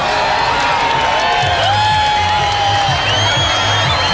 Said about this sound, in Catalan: Els milers de persones que s'han trobat a l'antic aeròdrom de Mangranes a Lleida han emmudit en els últims minuts abans de la totalitat, han començat a aplaudir quan faltaven pocs segons i han esclatat quan la lluna ha engolit el sol.